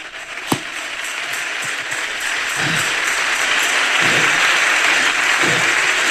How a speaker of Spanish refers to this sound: Dale un aplauso.